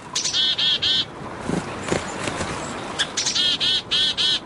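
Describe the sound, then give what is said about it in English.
A winter flock of birds calls in quick repeated bursts of high, buzzy chirps, with two clusters of rapid notes separated by a brief lull, plus scattered softer twitters from another group. “In fall and winter, birds that might have spent the summers with just their mate gather into flocks.”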